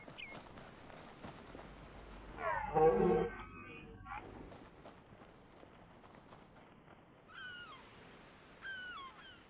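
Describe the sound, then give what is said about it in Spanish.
A red deer stag in the rut, beside water, lets out one loud, hoarse roar lasting about a second over faint outdoor ambience, followed later by a few high bird chirps. “Los señores del Lerum tienen que vigilar tanto a sus hembras como a los molestos competidores.”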